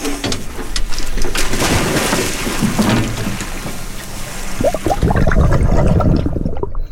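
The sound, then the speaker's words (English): Loud splashing and churning water as a dive team goes overboard from a research boat into the sea with sea stars, with a steady low rumble underneath and a burst of heavier splashes toward the end. “the Samish dive team are getting ready to go overboard with the sea stars.”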